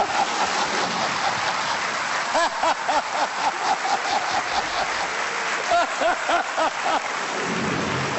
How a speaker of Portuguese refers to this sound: Vamos só dizer que lá fora está a cair uma carga d'água.